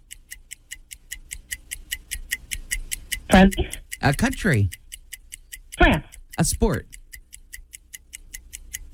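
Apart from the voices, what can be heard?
game timer clock ticking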